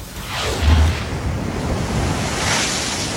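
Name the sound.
strong sea waves crashing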